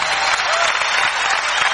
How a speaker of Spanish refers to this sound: aplauso fuerte al Señor.